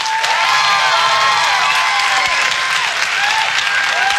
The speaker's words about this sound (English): By a round of applause, how many people like cake more than pie?